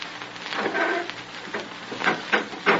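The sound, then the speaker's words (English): Rough wooden board flooring in a laundry creaks and groans under slow footsteps as a man crosses to the light switch, a drawn-out squeak followed by several sharper knocking creaks toward the end, moderately loud with a faint hiss beneath and no voices. “The rough board flooring creaks beneath his feet as he crosses the floor to the light switch.”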